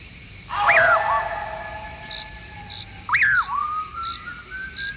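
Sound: eerie piercing whistle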